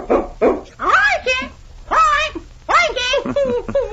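A dog named King gives two short, sharp barks, then a run of loud, high, rising-and-falling whimpers and yelps in uneven bursts, with no one speaking over it.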